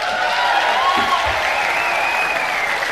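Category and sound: crowd, warm audience applause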